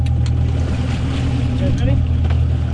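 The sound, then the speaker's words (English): A boat's engine drones loud and steady out on open water off the coast of Miami, with wind and splashing around it and muffled voices of shark researchers working on deck. “You're listening to a group of shark researchers on a boat off the coast of Miami.”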